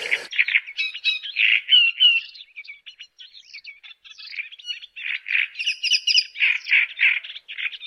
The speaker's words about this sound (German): Der lauteste ist der Drosselrohrsänger, den kennen Sie wahrscheinlich, den hatten wir ja schon mal, ne? Der so tatsächlich so DJ-mäßig da auftritt.